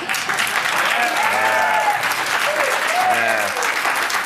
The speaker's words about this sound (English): They're applauding her. They're not applauding you.